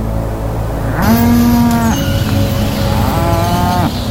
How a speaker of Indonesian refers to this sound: Dengan tabungannya sendiri, ia membeli seekor sapi betina agar sapi Bayu tidak kesepian dan bisa berkembang biak.